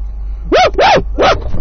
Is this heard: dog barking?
yes